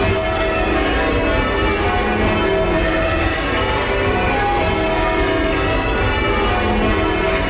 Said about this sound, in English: In the ringing chamber, you can't see any of the bells. They are all in the room above where the ringers stand. What you can see is 8 ropes that dangle down from the ceiling, which are attached to the 8 bells above in the bell chamber.